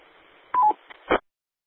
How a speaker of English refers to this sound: One thing I might make success in is discontinue your Roger Beep. None of the repeaters, they kind of frown on Roger Beeps. Might want to take care of that.